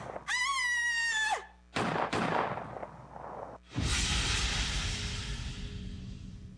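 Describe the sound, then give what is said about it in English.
A high, wavering scream breaks off into a few sharp gunshots fired in the dark by an unseen shooter; the last blast is the loudest, with a long, rumbling decay. No one speaks. “I guess whoever fired at us got away.”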